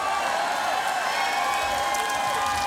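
A crowd applauds steadily, a dense wash of clapping that holds at an even, fairly loud level throughout, with a hint of cheering mixed in and no speech over it.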